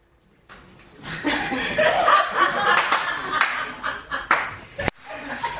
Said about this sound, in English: Oh, I like the clap. Can you not do that?